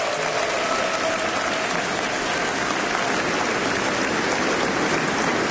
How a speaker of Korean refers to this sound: 사용하길 원하시기에 이렇게 70년 동안 이어오셨는지 우리 다시 한번 하나님께 감사와 영광의 박수를 올려드렸으면 좋겠습니다.